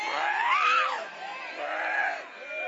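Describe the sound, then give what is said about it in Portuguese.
A person screams in two long, wavering, high-pitched wails, loud, with a brief dip in between and no other sounds around them, shouting for Jesus to burn. “Vai gritando para Jesus queimar.”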